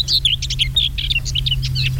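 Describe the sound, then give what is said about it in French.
A common whitethroat sings a rapid, scratchy warble of chattering high notes with no pause, over a steady low hum. “On avait de la fauvette grisette sur le plateau.”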